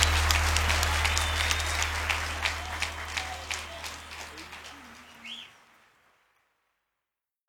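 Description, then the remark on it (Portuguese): A crowd claps in a dense, steady burst of applause that gradually thins and fades out after about five seconds, leaving silence. “salva de palmas para”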